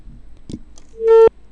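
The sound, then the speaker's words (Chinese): A click, then one short, steady electronic telephone busy tone heard over a phone line as a caller's call to a live radio hotline drops. It is fairly loud, cuts off abruptly, and no one speaks. “哎，听到的是盲音，可能这位朋友的信号有些问题呢，已经掉线了哈。”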